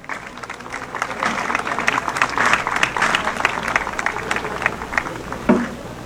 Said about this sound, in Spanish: Le recibimos con un gran aplauso.